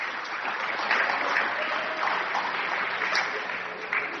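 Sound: audience clapping hands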